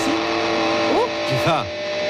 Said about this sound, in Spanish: Es esto, ruido blanco. Para dormir.